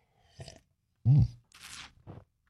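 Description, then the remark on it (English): Someone slurping a morning drink: a few short wet sips, a loud low throaty grunt, then a longer hissing slurp and one last quick sip. No talking. “We call it the morning slurp.”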